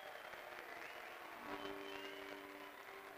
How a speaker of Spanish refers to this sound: Agradecemos y despedimos con este aplauso al señor presidente de la Nación, doctor Javier Milei.